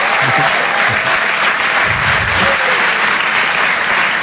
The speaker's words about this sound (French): Marc Pouget sur Rire et Chanson, en direct des Open du Rire, on peut l'applaudir très fort.